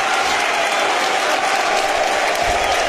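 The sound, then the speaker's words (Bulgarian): Loud, sustained applause from a big crowd of the Reds' fans at Vasil Levski stadium as footballer João Zwartz is substituted off for Leandro Godoy, a dense steady wash of clapping with no breaks, joined by faint cheering. “Жоао Цварц също изпратен с бурни аплодисменти от феновете на червените, чуйте ги.”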